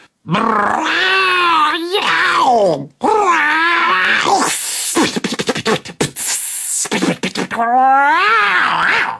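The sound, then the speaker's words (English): Cats, among them Scarface Claw, caterwauling loudly by a hedge: long, wavering yowls that slide up and down in pitch, broken midway by a harsh, hissing spat, then rising into another drawn-out wail. “Then, all at once, came the ear-splitting sound of a caterwaul symphony echoing round.”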